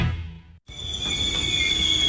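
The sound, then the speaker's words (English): Low rumbling noise cuts out briefly, then a sustained, piercing high-pitched squeal of car brakes rings steadily over a continuing low rumble until the end. “Hearing that sound? Before you spend big on brakes, get a second opinion at Mid-Valley Automotive.”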